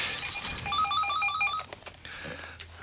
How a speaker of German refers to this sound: Es klingelt das Telefon an dieser Stelle.